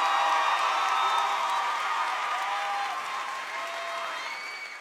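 Steady audience applause fills the whole stretch, a dense wash of clapping with a few whoops and cheers rising over it, slowly easing off toward the end.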